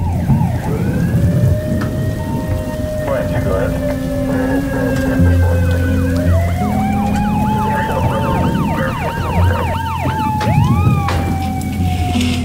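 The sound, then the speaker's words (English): Several police sirens from arriving police cars wail and sweep up and down at once, approaching over steady heavy rain, with engine rumble underneath and no one speaking. “There's more police arriving.”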